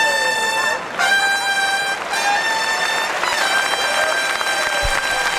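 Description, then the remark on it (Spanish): A loud clarion fanfare blares a sequence of sustained, bright brass notes, shifting pitch roughly every second, over a steady murmur of crowd noise at a bullfight. “Ahí viene el clarinazo de última temporada.”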